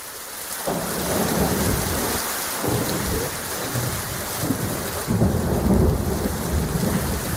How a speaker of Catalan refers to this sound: Una nit de pluja, llamps i trons que ha inundat carrers de diversos barris de Barcelona i ha provocat talls importants a la Ronda de Dalt, on els serveis d'emergència han hagut de retirar vehicles atrapats per l'aigua.